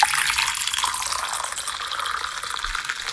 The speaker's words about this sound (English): Now, was that a clip of someone pouring a coffee or someone not peeing into a toilet? That's a coffee.